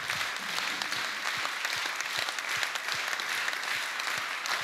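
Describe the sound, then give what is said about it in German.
A crowd applauds steadily during an election campaign speech, a dense wash of many hands clapping with no voices over it, holding an even loudness for the whole stretch. “Das ist euer Applaus.”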